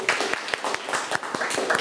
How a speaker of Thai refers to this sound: ปรบมือให้เพื่อนอีกครั้งค่ะ